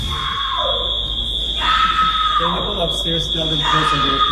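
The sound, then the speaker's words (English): Actress Selma Blair screams and yells in distress as she is dragged off a Delta Airlines flight at JFK. Her cries rise and break over a steady high-pitched electronic tone and other voices in a noisy, crowded space. “That is actress Selma Blair screaming as she's being dragged off an airplane.”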